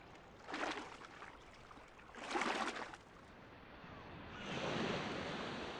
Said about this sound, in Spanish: ¿Y qué más sabemos de Escocia? Acantilados y mar embravecido.